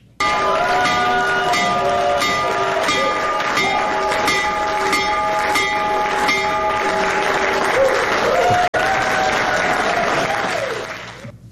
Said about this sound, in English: The president ringing the stock market's opening bell today from the Oval Office.